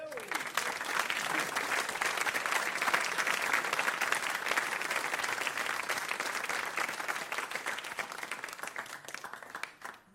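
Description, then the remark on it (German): Sustained applause from a large audience, dense overlapping claps at a steady, loud level for about ten seconds before tapering off abruptly at the end. “Das ist ein besonderer Applaus”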